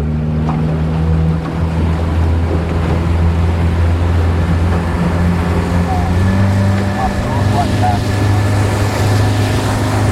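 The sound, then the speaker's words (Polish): A motorboat's 60-horsepower outboard engine on the Madeira River drones loudly with a steady low hum, then revs up to a higher pitch as the boat sets off, with water and wind noise underneath. “Ojcze nasz, błogosławieństwo Boże, zaraz łódka odpali na całego i ruszamy.”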